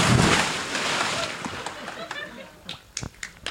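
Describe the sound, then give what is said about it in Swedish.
A loud, broad splash as someone jumps into 23-degree water, its rush fading over about two seconds into choppy sloshing and a few sharp little splashes and drips. “Men du får hålla i micken så hoppar jag i här nu då.”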